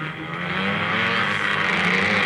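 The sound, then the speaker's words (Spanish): A motorcycle engine roars loudly and steadily as its rider escapes a police patrol, its pitch climbing slightly as it speeds away, with no voices over it. “se les peló a los de la patrulla el de la moto.”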